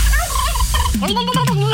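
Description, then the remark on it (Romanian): A turkey gobbles loudly, a rapid, warbling burst of throaty gulps that grows more choppy toward the end, with no voices present. “Treci pe curcan!”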